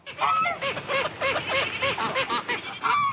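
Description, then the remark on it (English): A noisy flock of geese and ducks, among them a domesticated Cayuga duck, at a man-made lake in southeast Edmonton, Alberta, honks and quacks continuously, many overlapping calls with no talking. “there is Buddy the Waterfowl with a flock of feathered friends around him”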